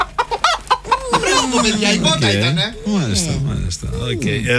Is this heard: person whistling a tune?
no